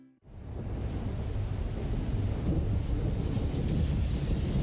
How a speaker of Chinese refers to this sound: 听，这就是台风来临时的风声雨声。